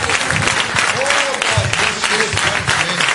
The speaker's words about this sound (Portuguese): Palmas e glória a Deus para Jesus.